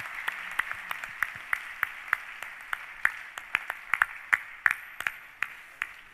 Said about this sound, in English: Could we once again just give the Lord a big clap of praise for the healings?